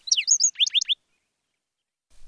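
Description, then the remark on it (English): A black-throated sparrow sings a brief, clear song of quick chirps and tinkling notes followed by a few rapid downslurred trills, bright, then falls silent with only faint low rumble at the end. “Each of these measures would help sustain the black-throated sparrow's gentle song.”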